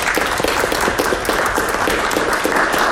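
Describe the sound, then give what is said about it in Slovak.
Sustained applause from an audience, a dense, steady wash of many hands clapping at once, fairly loud and continuous throughout with no talking over it. “Ďakujem, to bolo krásne, zaslúži si to potlesk.”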